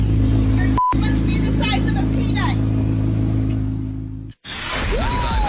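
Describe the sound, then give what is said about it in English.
A car engine revs loudly, a deep steady rumble with a brief cut near the end before the roar picks up again, faint muffled voices underneath. “Don't do that again with your car.”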